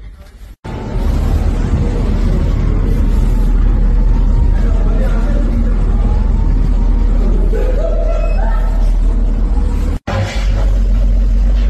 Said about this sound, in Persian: همونجور که میبینید ترافیک هم از سمت شیراز لار در جریانه به سمت بندرعباس و از اونورم از طرف بندرعباس هم در جریانه. خب این پل یکی از پل‌های حیاتی منطقه است، واسه بندرعباس به لارستان جزو جریان اصلیه.